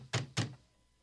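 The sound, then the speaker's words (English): Two heavy, booming knocks land on a door in quick succession, deep, each with a short resonant thud, followed by quiet. The knocking is by guards of the council. “Open up! Open up in the name of the council.”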